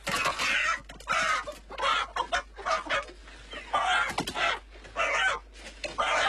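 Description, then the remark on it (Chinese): A big red rooster, picked out for making wind-dried chicken, clucks and squawks repeatedly, with about eight loud, irregular bursts over several seconds and short pauses between them. “我要那个大红公鸡，这个红公鸡。”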